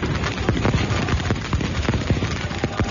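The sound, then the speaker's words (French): Firecrackers and fireworks set off through the night in Istanbul by Galatasaray supporters outside Barça's hotel, going off in a dense, irregular barrage of sharp pops and bangs, steady and fairly loud throughout, with a rough, muffled crackle between the blasts. “Une fois les qu'on a pétards, repéré les feux d'artifice, une fois qu'on a repéré l'hôtel du Barça, les empêcher de dormir.”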